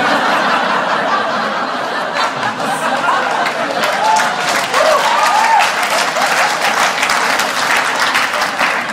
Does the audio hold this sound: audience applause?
yes